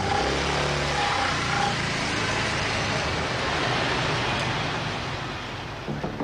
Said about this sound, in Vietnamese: Và đúng 10 phút sau, chiếc xe Innova biển đỏ mang logo Quốc phòng Việt Nam rời trung tâm phát thanh truyền hình quân đội, lao vào đêm tối.